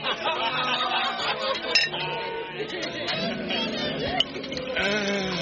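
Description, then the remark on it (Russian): Wine glasses clink repeatedly at a grand, busy feast, with lively overlapping chatter and bursts of laughter filling the background at a steady level. “Налей даме бокал вина! Да не один!”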